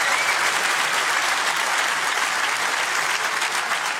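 A church audience applauds steadily on a Friday, clapping for Jesus, the King of Kings: a dense wash of many hands clapping at once, sustained and fairly loud throughout with no talking over it.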